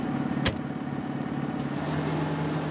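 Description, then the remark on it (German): A tractor engine idles with a steady, low, rumbling drone throughout, broken by a sharp click near the start and a fainter one later. No voices are heard. “Elias wird ihr die Eigenheiten des Traktors erklären.”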